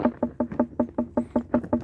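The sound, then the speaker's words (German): Quick, steady knocking on an unripe watermelon by a watermelon farmer from Upper Bavaria, Germany, about eleven short taps in an even rhythm, each sounding brief and solid rather than deep. No one speaks. “Dunkel und hohl und die unreife Melone.”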